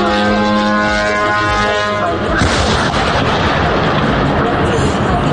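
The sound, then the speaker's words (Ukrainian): A steady droning tone gives way to the sudden loud, roaring boom of explosions during an attack, rumbling heavily to the end, with no one talking. “Бабахает прям нормально.”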